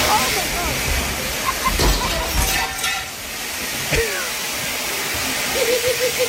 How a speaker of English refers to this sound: That is so much water. It's a ton. That is so much water. It's not like a sprinkle. It's a huge gush. Like she broke the sprinkler head. It's like the commercial sprinkler system.